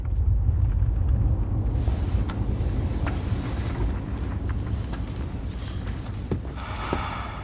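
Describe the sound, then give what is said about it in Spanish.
A deep, continuous rumble of an earthquake fills the whole stretch, heavy and steady in the low end, with scattered sharp cracks and rattles breaking through now and then. It occurs during intense seismic activity inside a large air pocket surrounded by lava. No voices. “estamos aquí, en esta gran bolsa de aire que está rodeada de lava durante periodos de intensa actividad sísmica. Justo igual a esta.”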